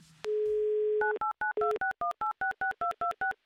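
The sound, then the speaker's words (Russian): A steady dial tone gives way to a quick run of touch-tone beeps, about eleven evenly spaced dual-pitched keypresses dialing the phone number of a listener from Moscow, clear with no voices. “Номер телефона мы набрали, теперь мы по традиции ждем гудки, как обычно.”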